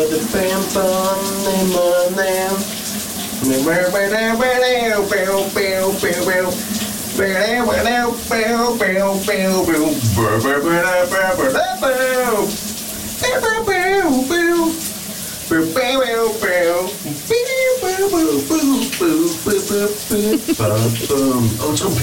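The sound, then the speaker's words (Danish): A person sings a wavering melody while shower water runs steadily underneath, a constant hissing spray that continues through the whole song. A radio host's colleague sings in the shower for the Thursday segment Brusebadshittet on VLR. “Og lige nu, ja, der er vi ramlet ind i torsdagscirklen, der hedder Brusebadshittet på VLR.”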